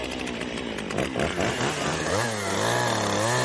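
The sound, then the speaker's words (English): A chainsaw used by a chainsaw artist roars for the whole stretch, its engine pitch rising and dipping as it bogs down into wood, loud and continuous with no voices. “Hi, I'm Brian, and I'm a chainsaw artist.”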